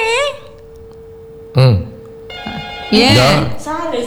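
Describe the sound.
A phone rings with a steady, sustained electronic tone, joined later by brighter layered notes, while loud voices cut in over it twice.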